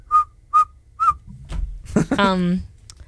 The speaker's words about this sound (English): That's him whistling.